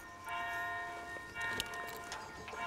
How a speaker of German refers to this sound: Pünktlich zum Glockenschlag geht es wieder los.